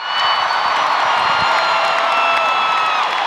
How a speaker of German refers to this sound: So klingt es, wenn ein Superstar auf die große Bühne zurückkehrt. Unter tosendem Beifall und Standing Ovations driften die monumentalen Bühnenelemente auseinander.